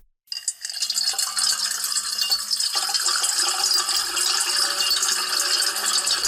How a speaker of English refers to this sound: 7 tracks of water being poured into a metal bowl.